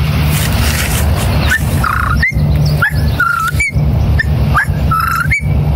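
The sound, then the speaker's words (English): A person whistles an imitation of a whip-poor-will's call, repeating the rising three-note phrase about three times in quick succession, clear over a steady low background rumble. “Whippoorwill.”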